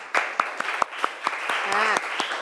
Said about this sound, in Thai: โอเคอ่ะปรบมือเพื่อนหน่อยค่ะ